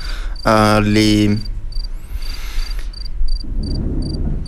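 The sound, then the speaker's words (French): Crickets chirp in a steady, repeating pulse of high, thin trills throughout, with a brief louder tonal call near the start and a low rumbling texture underneath toward the end. “Les criquets, je vous prie.”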